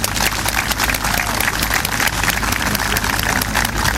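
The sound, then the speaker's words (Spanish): A crowd applauds steadily at the 2026 Fiestas Patrias communal parade, greeting the wife of mayor Jaime Escudero Ramos. Many hands clap in a dense, continuous wash that holds at an even, fairly loud level for the full few seconds, with no voices rising above it. “Acompaña a nuestra primera autoridad comunal, el alcalde señor Jaime Escudero Ramos, su esposa, la señora Paulina Salá, a quien saludamos con un gran aplauso.”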